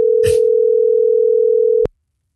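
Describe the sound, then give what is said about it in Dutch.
A telephone ringing tone sounds while a call is placed to the callers' boss: one loud, steady, single-pitched tone lasting about two seconds, with a brief rustle early on, then cut off abruptly by a click. “Wij gaan bellen. Onze baas bellen.”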